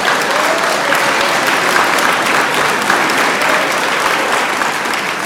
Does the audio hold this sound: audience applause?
yes